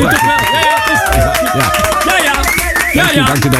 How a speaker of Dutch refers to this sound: Gaan we een groepsknuffel doen? Nee, ik zou toch een applaus willen vragen.